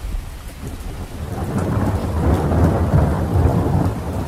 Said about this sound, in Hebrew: בעוד 8 דקות מגיע מבול רציני, הייתי מדווח להם באמצעות רשת הקשר הפנימית של הספינה, ומצחקק לעצמי ברשעות, כשבדיוק 8 דקות לאחר מכן הריה שוטף את הסיפון גשם זלעפות, ומרטיב אותם עד התחתונים.